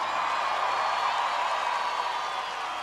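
An audience claps steadily in a dense, continuous wash of applause that stays loud and even throughout, with no clear breaks or individual voices standing out.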